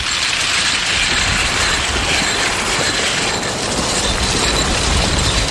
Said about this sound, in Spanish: Y este sonido metálico que se escucha son tubos en la superficie del agua que giran y lanzan la alimentación a los peces que están en las jaulas.